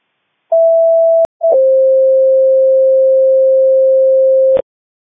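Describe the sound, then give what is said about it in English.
A telephone busy signal heard when calling a number back, on a line with no talking: a short steady electronic tone, a click, then a longer, slightly lower continuous tone that holds for about three seconds before cutting off. “Are you okay if I just hang up and try to give it a call back?”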